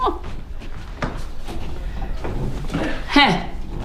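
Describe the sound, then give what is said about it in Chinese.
A home's door with a combination lock clicks open and thuds shut, a few sharp knocks and a brief bright electronic chirp near the end, with faint background voices. “哟，好了， 这个密码锁就是方便。”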